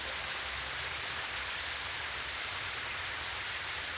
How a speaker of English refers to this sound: Ranginui wept for Papatuanuku. His tears still fall today. We call them ua, rain.